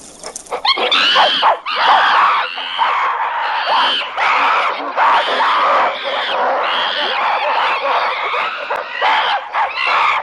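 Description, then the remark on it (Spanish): A troop of apes at a waterhole screeches aggressively as they defend their water against another ape family, many loud, harsh shrieks overlapping in a frantic, nonstop chorus that stays intense throughout, with no pauses and no talking. “Los habitantes de la charca tratan de defender su agua dando saltos y gritos intimidatorios.”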